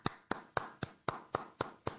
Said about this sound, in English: So here's me clapping. Listen.